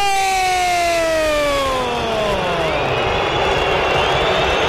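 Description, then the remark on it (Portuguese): A loud, steady stadium crowd of Corinthians fans booing at the final whistle in Itaquera after a 1–0 loss to Santos, a broad roaring wall of many voices that swells in after a falling, siren-like tone sweeps downward over the first few seconds. “Vaias da Fiel, festa do peixe na casa Itaquera.”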